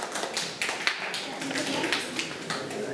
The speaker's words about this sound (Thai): ทุกคนตบมือให้เพื่อนๆหน่อยครับเก่งมากครับ